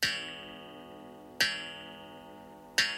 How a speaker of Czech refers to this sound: V krámku ztrát a nálezů to začalo účinkovat přesně ve 12 hodin v noci. Sotva na hodinách rozvěšených po stěnách zahrkala půlnoc.